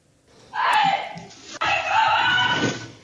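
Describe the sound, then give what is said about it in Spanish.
A woman, an influencer, screams desperately during a house robbery in a residential area of Aljarafe, Seville, Spain: two long, loud, shrill cries separated by a brief catch of breath, with no talking around them. “Este grito desesperado de la influencer”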